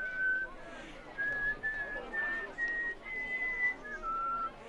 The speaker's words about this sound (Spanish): Su obra que la gente silba sus melodías por la calle.